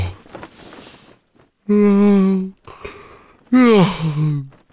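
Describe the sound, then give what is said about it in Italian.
Two loud, drawn-out vocal yawns, each a sustained groaning tone that sags in pitch at the end, separated by soft breathy inhales. “Ma ce lo spiega bene il nostro premio Nobel per lo sbadiglio.”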